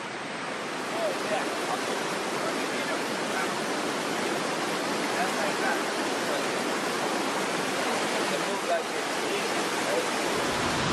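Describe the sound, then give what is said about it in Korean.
Victoria Falls, a large waterfall with a 108 m drop, roars steadily and powerfully, heard from the cliff edge: a dense, unbroken wash of rushing water that stays loud and even from start to finish, with no pauses or distinct individual sounds. “절벽 끝에 서자 빅토리아 폭포의 장대함이 더 또렷이 느껴지는데요.”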